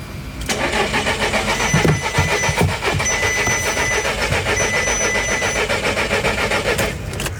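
A red Volkswagen Polo's engine cranks repeatedly with a steady, rapid mechanical whirring and churning, never catching into a running idle, then cuts off abruptly after about seven seconds.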